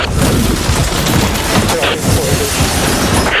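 A loud, sustained crash of a helicopter coming down: a dense, rumbling roar with booming impacts and clattering debris, heavy throughout the few seconds, as the helicopter falls on top of a reporter.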